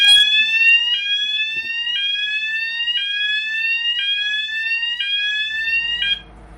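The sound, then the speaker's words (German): A ship's bilge high-water alarm, warning that the bilge is filling with leaked water, oil or fuel, sounds loud, a harsh electronic tone repeating in rising sweeps about once a second for six seconds before cutting off abruptly. “Also wenn irgendwo eine Leckage ist von Wasser oder Öl oder Kraftstoff, dann läuft das runter in die Bilge. Und die ist ja dann irgendwann voll.”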